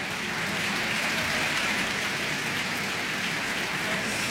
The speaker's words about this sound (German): Jetzt ist gerade nochmal das gesamte Ensemble hier auf die Bühne gekommen in der Kölner Philharmonie, nimmt den Beifall entgegen. Ein großartiger Abend geht zu Ende.